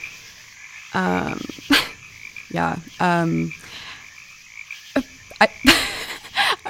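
A toad croaks in a few separate rattling bursts, with quiet pauses between them and some sharp clicks and brief rustling noises scattered around the calls.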